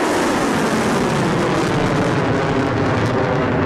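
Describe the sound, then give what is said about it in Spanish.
A drone and missile attack launched against the US Navy Fifth Fleet headquarters in Bahrain and a US helicopter base in Kuwait, heard as a loud, continuous roar of engines and rushing noise that holds steady for the whole few seconds, with no distinct blasts and no voices. “haber lanzado primero drones y misiles contra la sede de la quinta flota de la Armada de Estados Unidos en Bahrein y también contra una base de helicópteros de Estados Unidos en Kuwait.”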